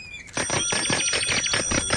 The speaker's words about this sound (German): hör auf zu klingeln!